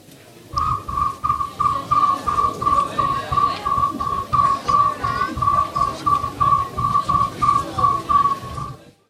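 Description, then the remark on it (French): A high, steady cricket-like trill, imitated by a person performing animal-cry imitations, runs in rapid continuous pulses for about eight seconds over a regular, low, thumping rhythm underneath. “Je me permets de mettre le grillon qu'on écoute un petit peu comme un petit exemple.”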